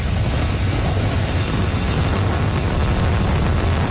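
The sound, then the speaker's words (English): A Falcon Heavy rocket launch roar: a steady, loud, crackling rumble with heavy low-end thunder that fills the whole clip without letup, with no voices. “So we could see the launch.”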